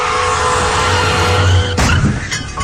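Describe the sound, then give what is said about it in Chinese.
A car brakes hard, tires screeching in a long, loud skid with a steady engine rumble beneath, then a sharp impact-like burst near the end. “一旦遇到紧急情况，刹车至少需要20米。”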